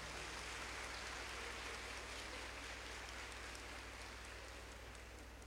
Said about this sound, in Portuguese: saudamos com a salva de palmas.